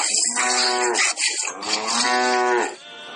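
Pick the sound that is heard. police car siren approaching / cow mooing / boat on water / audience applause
cow mooing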